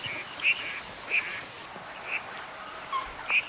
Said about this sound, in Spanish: Hoy ponemos el foco en una de las aves acuáticas más llamativas de nuestros humedales, el pato colorado.